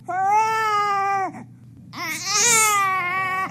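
A baby cries in two long, loud, wailing bursts separated by a short pause, the second cry rising and wavering in pitch.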